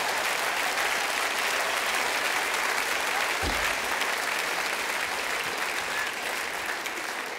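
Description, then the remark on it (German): Steady applause from an audience fills the whole stretch, a dense wash of many hands clapping at once with a brief low thump partway through. “Ja, klatsch ruhig, da kann ich auch sein, ne?”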